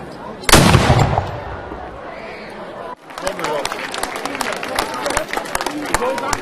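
A single heavy cannon shot booms out as a ceremonial salute fired by the Mansfeld pioneer battalion before an official key handover, its rumble fading over a couple of seconds before a crowd breaks into sustained clapping and murmuring.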